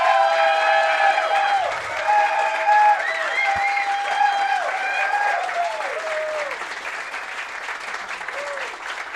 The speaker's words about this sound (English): Give a round of applause here.